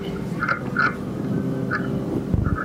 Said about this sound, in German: Forscher oder Wissenschaftler haben ja jetzt vor ein paar Jahren mit Hydrofonen Aufnahmen tatsächlich vom Schiffsbohrwurm gemacht. Also mit stark verstärkten Mikrofonen. Und hier kann man dann exklusiv auch den Schiffsbohrwurm am Holz knuspern hören.